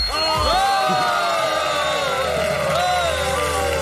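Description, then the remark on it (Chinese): A loud, steady burst of audience applause mixed with cheering at the first annual Golden Lasagna Awards, welcoming host Garfield, many voices whooping and shouting over the clapping for the full few seconds without letting up. “再来点掌声。”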